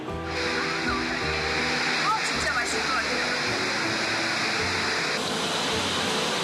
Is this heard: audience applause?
no